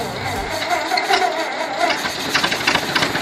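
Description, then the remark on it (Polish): An old, hard-to-start car engine turns over and runs with a rough, rapid knocking rattle, steady throughout, with no voices over it. “Jeszcze raz odpalamy samochód w takim razie.”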